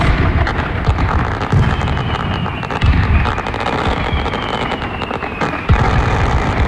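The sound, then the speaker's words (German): Fireworks go off in a dense, continuous barrage of booms and crackling pops, with a faint whistling streak running through the noise. No one speaks. “Man darf nämlich kein Feuerwerk ablassen, weil es so trocken ist.”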